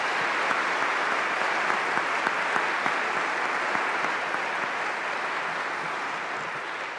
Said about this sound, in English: Please join me to give a round of applause.